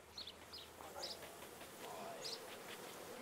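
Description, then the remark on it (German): A steady, dense hum of many honeybees buzzing at a hive of about 20,000 bees, with a few brief high chirps standing out over the continuous drone. “Ebenfalls eine Mutprobe, an einem Bienenstock mit 20.000 Bienen herantreten.”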